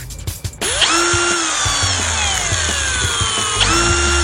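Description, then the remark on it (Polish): A power screwdriver whirs loudly, its motor whine sliding slowly lower in pitch before briefly revving back up near the end, with a few clicks at the start and no talking. “Czyli wkrętarka, to jest wkrętarka.”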